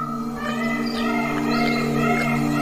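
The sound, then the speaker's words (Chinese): A tigress at the edge of a pond, unable to find her cubs, calls them again and again in a lowered voice, breathing rapidly: a series of four or five low, moaning tonal cries repeating every half second or so over a steady humming drone. “雌虎一直没有发现幼崽，他来到水塘边，压低声音，一遍又一遍地呼唤幼崽们。”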